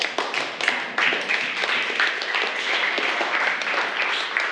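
Students in a classroom clap together for a classmate, a steady, dense patter of many hands lasting several seconds at moderate loudness, with no one talking over it.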